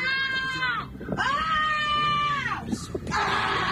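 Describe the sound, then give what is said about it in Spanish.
A child shrieks three times in quick succession, long piercing high-pitched squeals that are loud, separated by short breaths, with no talking. “¿Me vas a gritar otra vez?”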